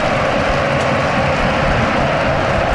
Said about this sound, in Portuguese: o Futebol Clube do Porto a ver agora a festa dos adeptos do Betis. É uma festa impressionante nas bancadas, com mais de 60 mil a aplaudir a equipa sevilhana. Vale a pena ouvir, porque não há muitos ambientes assim em todo o mundo.